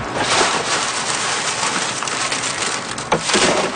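Alta de Moda beans, crushed by hand, being winnowed in the wind at Saint-Laurent on Île d'Orléans, Quebec, with grain pouring down in a dense, steady pattering hiss like heavy rain, the pods blowing off in the wind, and one sharper rattle near the end. No one speaks.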